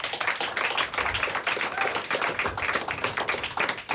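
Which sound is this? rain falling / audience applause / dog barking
audience applause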